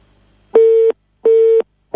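A telephone busy tone after a caller's call to Mária Rádió drops: loud, steady beeps of one pitch repeating in an even on-off rhythm, two full pulses and a third starting, with no voices.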